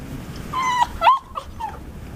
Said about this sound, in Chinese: 原来让家里一片狼藉的罪魁祸首不是贼，而是朱莉最害怕的小狗。看着缩在沙发底的小狗，苏明成只好蹲在地上把它引出来。